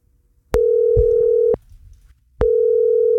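An outgoing call's ringback tone as Jærradioen radio calls a listener who signed up a school class: a steady, clear electronic beep lasting about a second, a pause, then a second tone starting, fairly loud with no talking.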